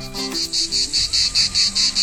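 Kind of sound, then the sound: insect, cicadas chirring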